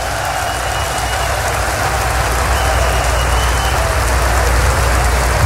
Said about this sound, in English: All the real men, clap your hands and give God praise.